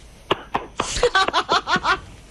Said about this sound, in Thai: เก่งมากอ่ะตบมือให้ตัวเองหน่อยเร็ว